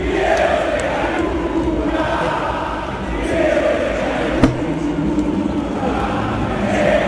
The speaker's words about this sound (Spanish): con algo que para mí se trasladó de las redes sociales por primera vez a una cancha, que era Fideo Di María seca nucas, todo el Monumental cantándole a un campeón del mundo como Di María, y se veía este momento, mirá, escuchalo.